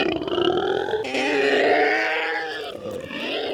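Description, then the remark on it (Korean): A monster's long, howling roar as it tears at its head with both feet, rising sharply after a second and holding as a loud, harmonic wail before easing into a rough, growling tail. No one speaks. “현우를 떨어뜨린 괴수는 양발로 머리를 쥐어 뜯으며 울부짖기 시작했다.”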